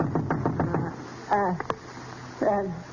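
A quick run of about five sharp knocks on a door, evenly spaced, followed by a couple of short spoken phrases from a voice after a brief pause.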